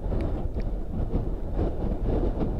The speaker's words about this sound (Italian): Siamo dentro ad una... Siamo seduti su un treno, siamo dentro una carrozza di un treno.